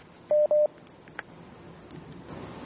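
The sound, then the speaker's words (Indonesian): Two short, loud dialing tones of a call over a telephone or WhatsApp line beep in quick succession over a faint background hiss, followed by a brief click and low line noise. “Masih kita akan angkat pertanyaan berikutnya Ustaz, dan kali ini kita akan angkat melalui line telepon atau line telepon WhatsApp”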